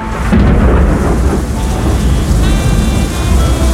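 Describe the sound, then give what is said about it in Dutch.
A thunderstorm with heavy rain, heard at 5 a.m. on a Saturday morning: a steady, loud downpour fills the scene while deep rumbling thunder rolls continuously underneath, with no voices present. “Want ja, het wordt vandaag 29 graden, maar dus wel met een pak regen en onweer.”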